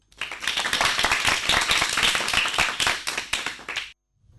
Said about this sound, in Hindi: इन दोनों के लिए जोरदार तालियां दोस्तों।